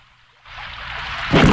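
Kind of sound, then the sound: nature, rain with thunder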